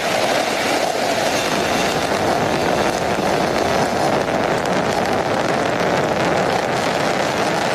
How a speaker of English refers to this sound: looking at those 27 Merlin engines lifting the Falcon Heavy and Roman Space Telescope off into space. Falcon Heavy soaring.